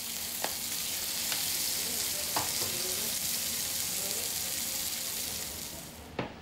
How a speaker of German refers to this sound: Andreas brät die Saiblingsfilets scharf in heißem Öl an. Die rote Färbung des Fisches kommt nicht von ungefähr.